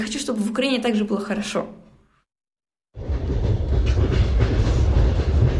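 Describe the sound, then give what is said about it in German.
A person talks briefly, then after a moment of silence a train carriage in Ukraine, travelling to Kharkiv, rumbles loudly and steadily along the rails, a continuous roar with a rattling undertone. “Sie sitzt im Zug, unterwegs zu ihren Großeltern in Kharkiv.”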